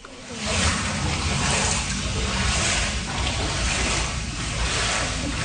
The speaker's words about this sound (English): Pools of water sloshing around flooded basements has been a constant source of worry for residents hit hard by the Canada Day storm.